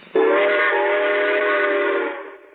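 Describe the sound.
A voice imitates a steam train whistle, one sustained, loud, harmonic whoo that starts abruptly, holds steady for about two seconds, then fades out.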